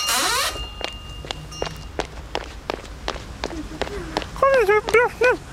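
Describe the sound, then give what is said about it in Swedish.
Quick, steady footsteps of a mother and child hurrying to a school end-of-year ceremony run along a hard surface, each step a sharp distinct tap in a fast even rhythm, with a few short high-pitched vocal sounds near the end. “Ja, kommer skynda vi springer.”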